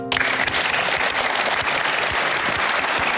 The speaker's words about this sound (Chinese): 谢谢，掌声谢谢